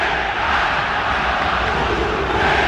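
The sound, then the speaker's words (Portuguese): A large stadium crowd of football fans booing player John Arias as he leaves the pitch, chanting insults at him: a loud, sustained roar of many voices that holds steady without a break for the whole stretch, with no single voice standing out. “Vaias ao John Arias, que vai deixando o gramado, e agora uma sonora vaia realmente, porque o torcedor vai cantando também, ofendendo o Arias com xingamentos.”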